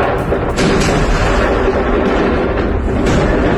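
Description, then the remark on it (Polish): Continuous heavy rumbling booms roll through the whole recording, dense low-frequency blasts with sharp cracks layered on top, loud and sustained without pause: huge explosions on an island, raising a column of smoke, heard across nearly the whole island and captured on video recordings. “Świadkowie mówią o słupie dymu i ogromnym huku słyszanym niemal na całej wyspie. Wybuchy zarejestrowano także na nagraniach wideo.”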